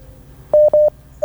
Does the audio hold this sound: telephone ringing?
yes